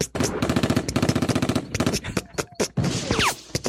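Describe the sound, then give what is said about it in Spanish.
A voice imitates popcorn popping with a fast run of short percussive pops that thins into a few scattered, breathier bursts toward the end. “Ok, habemos unos un poco más sanos que somos como palomitas, que vamos así en mini explosiones ¿Sí?”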